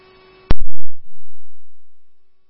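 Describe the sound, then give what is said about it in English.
A steady electronic tone plays for half a second before a loud, sharp burst cuts it off. A few short thumps follow, then a fainter tone lingers and slowly fades: fire dispatch alert tones over the radio. “The tones must have cut you off.”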